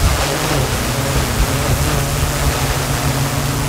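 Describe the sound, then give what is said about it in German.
An autonomous firefighting drone, being tested by the fire brigade in Gladbeck, Germany, to fly ahead to call-outs and take aerial images, gives off a steady, loud whirring rush in flight with a low droning hum underneath, unchanging throughout, with no voices. “So klingt nämlich eine spezielle autonome Drohne, die die Einsatzkräfte da gerade testen.”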